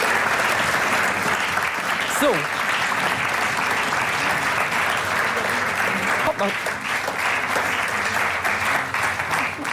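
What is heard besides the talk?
audience applause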